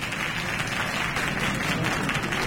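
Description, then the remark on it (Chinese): An audience claps together in steady, dense applause to encourage a child who volunteered to introduce themselves and show a talent. The applause holds at an even level for a couple of seconds, a continuous patter of many hands with no voices over it. “好，大家掌声鼓励。”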